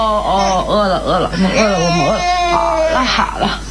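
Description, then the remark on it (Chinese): A hungry infant, without breast milk, cries in a steady run of wavering, rising-and-falling wails, loud and continuous for a few seconds with no other sounds around it. “没想到孩子的哭闹声引来了婆婆。”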